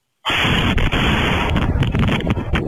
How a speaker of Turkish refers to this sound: Gece vakti husumetli olduğu kişinin evine geldi, kapının önüne patlayıcı madde bırakıp etrafa ateş açarak kaçtı. Saniyeler sonra ise mahalle patlama sesiyle ayağa kalktı.